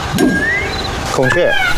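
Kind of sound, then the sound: bird, peacock call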